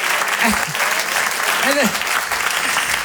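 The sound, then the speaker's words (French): A crowd claps steadily and fairly loudly for the whole stretch, a dense patter of many hands, with a few brief voices calling out underneath, applauding a performer at a comedy show. “Vraiment, on peut l'applaudir quand même, parce que depuis le début, c'est quand même...”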